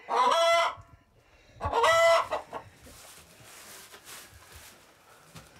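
A rooster crows loudly twice, each call long, harmonic and strained, with a pause between. Softer clucking and scratchy farmyard noise from chickens follows, quieter and steady.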